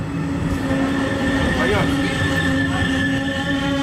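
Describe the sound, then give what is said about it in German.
An RE4 regional express train rolls steadily into Rathenow station, its loud, continuous rumble layered with sustained metallic tones and a brief rising squeal of wheels partway through. “Der RE4 fährt ein.”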